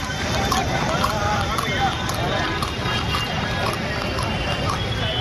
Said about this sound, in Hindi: पुरानी परंपरा है इक्का दौड़ की, जिसे यहाँ पर गहरेबाजी कहा जाता है। तो तमाम घोड़े, एक से एक नस्ल के घोड़े यहाँ पर दिखाई पड़ रहे हैं और तमाम जो इक्का चालक हैं अपने अपने घोड़ों को लेकर के आए हैं और तमाम वैरायटी के घोड़े हैं और यहाँ इक्का दौड़ हो रही है।